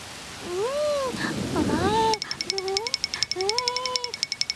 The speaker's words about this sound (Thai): อ๋อไม่ทันซะแล้วฝนตกลงมาซะแล้วล่ะฟาฟา ฮะฝนตก